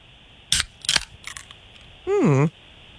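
A beer can, can number 2 in a suds-or-soda guessing game, is opened: a few sharp metallic clicks and snaps from the tab, followed by a short, loud sliding tone that swoops downward in pitch before cutting off.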